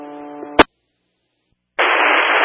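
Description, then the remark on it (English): Radio static: a brief buzzy tone cut off by a sharp click, a second of silence, then a loud, steady hiss of static that runs to the end. “have a lot of static.”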